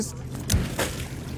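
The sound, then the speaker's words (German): A small boat out on open water during a seaweed harvest, where a crew cuts ropes of winged kelp, with steady wind and water wash, a dull hollow knock against the hull and a couple of brief splashy bursts, and faint voices in the background. “Fast jeden Tag ist das internationale Team von Seaweed Solutions 12 Stunden hier draußen auf dem Wasser.”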